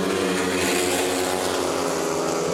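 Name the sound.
speedway motorcycle engines roaring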